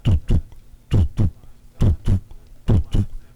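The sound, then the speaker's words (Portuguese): A voice imitates a normal heartbeat with four steady lub-dub pairs of low, punchy thumps, fairly loud, evenly spaced with short pauses between. “Aqui é o batimento cardíaco normal. Tô dando um exemplo bem aleatório, tá? Você toma um remédio desse, o coração vai aqui, ó.”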